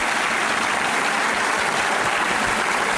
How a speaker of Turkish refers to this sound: Bu kadar yüksek sesli bir alkış hak ettim.